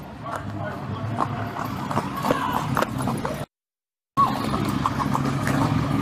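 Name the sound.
horse hooves clip-clopping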